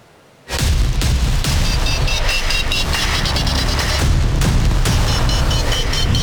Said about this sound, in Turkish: Bu sese kulak verin. Burası Ankara, Polatlı ve tatbikatın adı Atış Serbest ve karşınızda Panter Obüsü. Obüs atışları nefesleri kesti.